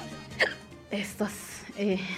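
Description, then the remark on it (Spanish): A run of sharp, abrupt hiccups, four or five in about two seconds, each a short voiced gulp, moderately loud, with some vocal sound mixed in. “Ese hipo, cuando se apodera, mi modo, ¿verdad?”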